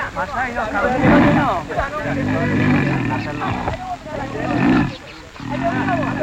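A young male lion caught in a hunters' trap roars and growls in several loud, rough bursts that swell and fade over a few seconds, with a low rumbling undertone between the roars.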